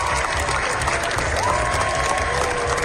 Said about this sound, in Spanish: Los 20 minutos de aplausos que se llevaron ayer los Javis en Cannes. La bola negra cogió impulso en la carrera por la Palma de Oro. Es la ovación más larga de lo que llevamos del certamen